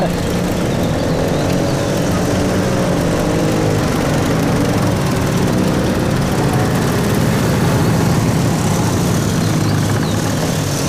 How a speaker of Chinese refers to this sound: 这摩托车队很威风啊，看着阵仗是一点没把兄弟你放在眼里啊。 人家是司令部特务队的，是高人一等的衙内，他们能把谁放在眼里啊？